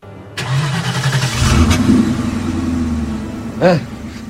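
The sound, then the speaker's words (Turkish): A heavy truck engine cranks and catches, then settles into a loud, steady rumble, with a brief rev swelling near the end. “Hadi çalıştır bakalım kamyonu.”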